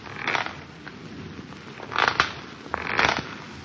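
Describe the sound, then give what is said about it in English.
A rocking chair creaks at night with no wind stirring, in slow, uneven strokes: three or four scratchy, mid-pitched groans with quiet gaps between them and no voices. “On the fifth night of our wait, we heard the rocking chair creaking, creaking, creaking.”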